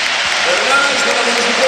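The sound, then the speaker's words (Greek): A stadium crowd at an AEK football match applauds steadily as Petros Mantalos is substituted off, a dense, even wash of clapping and cheering that holds at a constant loud level throughout, with scattered voices mixed into the roar. “Εισπράττει σαφώς το χειροκρότημα.”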